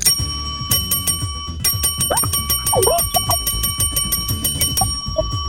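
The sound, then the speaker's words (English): A bright bell dings over and over in quick succession, sharp metallic rings piling up rapidly and loudly, with a busy background of clatter beneath. “I'm going bell crazy. Ding, ding crazy for you.”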